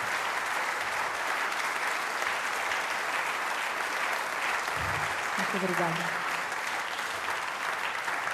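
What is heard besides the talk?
audience applause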